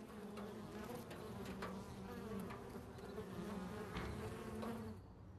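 A steady, dense hum of many bees buzzing together outdoors, a continuous drone with occasional louder passes as individual insects fly close by, no voices present.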